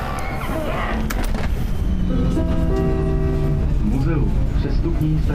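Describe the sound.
A Prague metro train ride from inside the car: a loud, steady rumble with the electric motors whining in rising and falling tones as the train speeds up, and faint voices murmuring underneath.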